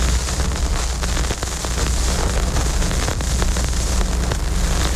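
Steady crackling surface noise with scattered pops and clicks over a low hum from a vinyl record as the needle is placed on it before the music starts, fairly loud throughout.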